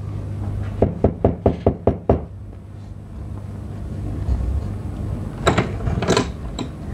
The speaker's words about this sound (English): I went around to Mrs. Merton's cottage. I knocked at the door.